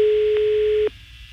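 A telephone ringing tone heard over a call line: one steady, fairly loud buzz-tone lasting just under a second, with a couple of small clicks, then cutting off to faint line hiss.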